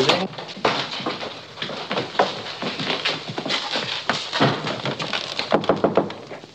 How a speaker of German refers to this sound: Ich klopfe, vielleicht ist ein Wunder geschehen.